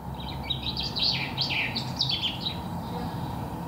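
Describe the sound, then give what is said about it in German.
High, bright bird chirps and warbling trills come in quick bursts over a steady low rumble of traffic noise, the song lasting a couple of seconds before fading. “Ich habe herausgefunden, je schriller ein Vogelgesang, desto besser überdeckt es.”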